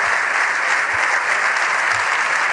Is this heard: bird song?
no